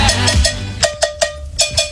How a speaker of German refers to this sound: Das liegt daran, weil er die Kuhglocke spielt. Nein. Willst du mal hören, wie die klingt?